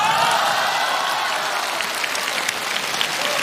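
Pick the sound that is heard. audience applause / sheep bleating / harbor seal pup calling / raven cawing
audience applause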